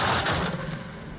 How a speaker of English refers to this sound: The Guru picked up his bow, loaded an arrow, and shot the arrow towards the group. The arrow soared through the sky and came down hard into the wooden leg of the manji, the platform, on which the generals were sitting.